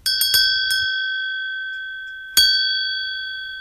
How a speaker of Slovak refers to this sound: A večnou ozvenou od rána do rána stále v nej zaznieva víťazná pieseň zvona zvaného Zuzana.